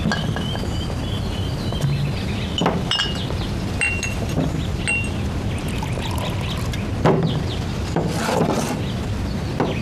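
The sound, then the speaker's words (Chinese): Glasses of drink clink together a few times in a toast over a steady background of pouring and clatter, the bright ringing taps scattered through the scene at moderate volume with no one speaking. “来，干杯。”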